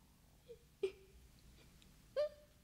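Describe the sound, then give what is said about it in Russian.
A frightened girl cries quietly behind a stove, letting out three soft, breathy whimpering sobs spaced a second or so apart, faint, with no talking. “Перепугалась давеча, вот и плачет за печкой.”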